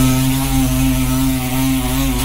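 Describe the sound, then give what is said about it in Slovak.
A bee buzzes with a loud, steady drone, humming at an even pitch without a break for a couple of seconds. “No a áno, ten prvý je včelí, ten druhý je dron”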